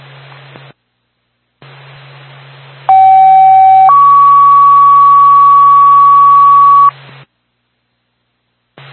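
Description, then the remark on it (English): A two-tone dispatch page over a radio channel from Twin State for the Twin Mountain Fire Department, for a fire alarm activation at 15 Stickney Way in Carroll: a short steady tone jumps to a higher, longer held tone, loud and clear above faint static hiss, with brief radio squelch gaps before and after. “Twin State, Twin Mountain Fire Department, standby for tone.”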